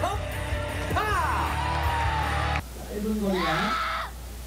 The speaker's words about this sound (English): The performance continues with advanced Taekwondo techniques. It's a success. The crowd erupts in cheers.